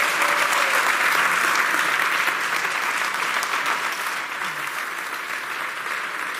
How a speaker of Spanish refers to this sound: El aplauso de compañeros y amigos de Pedro Rodríguez que han acudido a su despedida del fútbol.